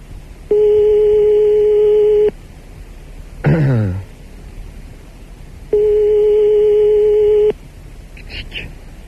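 A telephone ringing tone on the line: two long, steady, evenly pitched beeps separated by a pause, with a brief falling, sweeping noise between them and a faint rustle at the end.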